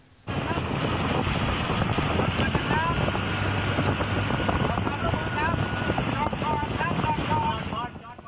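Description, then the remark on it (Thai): A motorboat engine drones beneath loud, steady wind and rushing water, which begin abruptly and hold at a constant roar before fading slightly at the end; Sri Lanna National Park officials and a central park patrol drive a boat chasing a suspicious boat at Huai Pha Cho, Mae Ngat Somboon Chon Dam, Chiang Mai, Thailand. “ภาพเหตุการณ์ขณะที่เจ้าหน้าที่อุทยานแห่งชาติศรีลานนาและสายตรวจส่วนกลางอุทยานแห่งชาติขับเรือติดตามเรือต้องสงสัยบริเวณห้วยผาช่อเขื่อนแม่งัดสมบูรณ์ชนจังหวัดเชียงใหม่หลังจากพบเรือลำนี้มีพฤติกรรมน่าสงสัยค่ะ”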